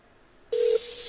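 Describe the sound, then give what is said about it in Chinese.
A telephone dialing tone cuts in abruptly after a moment of near silence as a phone call is placed, a steady electronic beep over a hissy line, briefly dipping before continuing. Fairly loud, with no voices. “等我啊，等我打个电话啊。”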